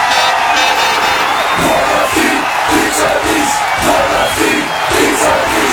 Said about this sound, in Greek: Να μπαίνει το γκολ και να φωνάζεις.